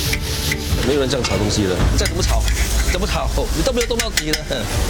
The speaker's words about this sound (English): 没有人这样炒东西的，再怎么炒，你都没有动到底的。来，拿下来，不是这样的。 Today haven't finished frying, around 150 kg, a lot.